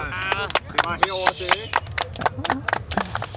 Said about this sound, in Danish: Og der synes jeg godt, du kan høste et bifald, trods alt.